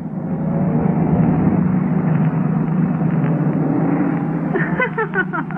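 A taxi's engine runs steadily, a continuous low rumble held at an even, fairly loud level throughout. The taxi is on its way to the Bachelor's Club. A few higher tonal sounds creep in near the end, and no one speaks.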